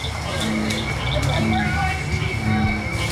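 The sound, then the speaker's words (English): A dense nighttime chorus of frogs, including cricket frogs, bullfrogs and bird-voiced tree frogs, with overlapping croaks, chirps and trills repeating steadily at an even, moderate loudness, heard from a path lit by headlamps during a frog walk. “As the sky turns dark and the barely worn path is lit up by headlamps, more and more frogs start to sing.”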